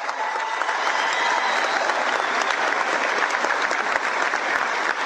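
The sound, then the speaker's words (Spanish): Sustained audience applause at a political gathering, requested for the Partido Colorado members in the audience: a dense steady wash of many hands clapping at an even loudness for about five seconds, with no voices standing out. “Por quienes pido un fuerte aplauso, acá hay muchos colorados que hoy nos acompañan.”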